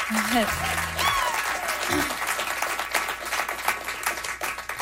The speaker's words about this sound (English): Nice little sort of round of applause for them.